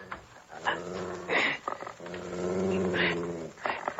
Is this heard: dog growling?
yes